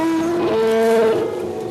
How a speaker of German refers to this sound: Ein Elefant. Mit seiner ganzen Größe.